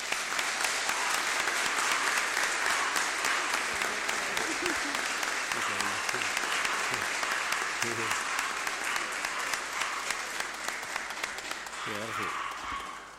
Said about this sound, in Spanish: El besito de matrimonio y el aplauso de todos.